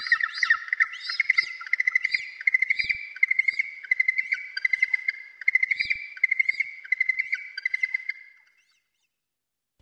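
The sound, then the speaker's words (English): A yellow-eyed penguin gives a long, shrill, trilling call of rapid pulsing squawks, loud and continuous for about eight seconds before stopping abruptly into silence. “The yellow-eyed penguin.”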